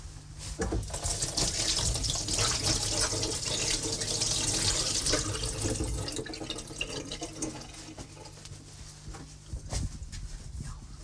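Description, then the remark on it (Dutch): Water runs steadily from a tap for several seconds with a bright hiss, then eases a little as hands are washed, rubbing and splashing under the stream while baking, ending in scattered drips and clinks. “Ik ga eerst mijn handen wassen”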